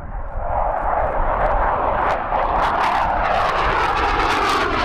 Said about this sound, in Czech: Na letišti 22. základny vrtulníkového letectva v Náměšti nad Oslavou se právě připravuje k vzletu dvojice letounů L-159 Alka.